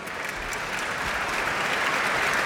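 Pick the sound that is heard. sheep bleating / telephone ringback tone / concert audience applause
concert audience applause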